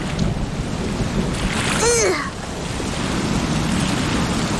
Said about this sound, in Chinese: 这里的海浪可真酷啊！ 这里的海浪可真大，我们回岸上去吧。